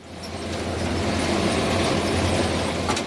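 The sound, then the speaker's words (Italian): Potato harvesting machinery runs steadily in Val Müstair, a loud, continuous engine drone with a low rumbling hum under a broad rattling, clattering wash of mechanical noise, unchanging for a few seconds. “Le macchine della raccolta dei dardöffels sono in Ciampa Mustair e la Val Mustair lavorano plenamente da spè un dì.”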